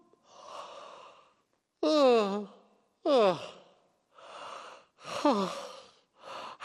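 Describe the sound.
Several drawn-out yawns in a row, each a breathy inhale followed by a voiced, falling sigh, fairly loud with short pauses between them.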